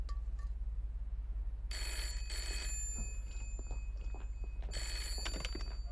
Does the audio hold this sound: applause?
no